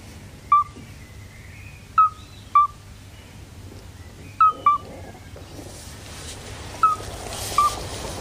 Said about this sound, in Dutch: En ze schrijft: we aten hiernaast bij restaurant Het Klukske, dat de Limburgse naam is voor het klokachtige geluid van deze zeldzame pad.